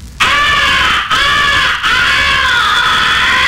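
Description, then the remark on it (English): A loud, harsh crow fighting call blown on a game call: three long, raspy, strained caws in quick succession with brief breaks, gritty and chesty in tone, with no voices. “The third essential call is the fighting call. Make it sound tough and chesty.”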